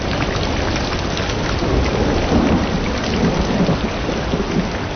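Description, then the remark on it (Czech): A thunderstorm with heavy rain pouring in a steady, dense hiss, deep rolling thunder rumbling underneath and gusts of wind. Loud and continuous, with no voices. “Stodoly se bál, ale bouřky ještě víc.”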